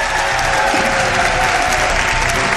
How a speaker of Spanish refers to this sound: Un aplauso para él.